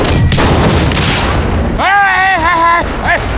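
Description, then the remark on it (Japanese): A loud explosive blast from blasting on Tiger Head Mountain (Hutoushan) roars with a broad, rumbling wash of noise for over a second, then a man's voice shouts urgently in Chinese for the blasting to stop as the rumble fades underneath. “别炸了，别炸了！”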